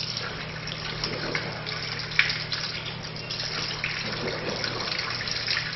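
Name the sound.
tap water running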